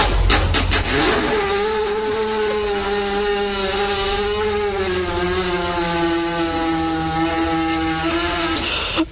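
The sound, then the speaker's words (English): A horse farting in a riding arena: one long, steady, buzzing blast lasting several seconds, low and harmonic like a small engine droning, with a slight echo and no voices. “No, that is a horse farting in an arena.”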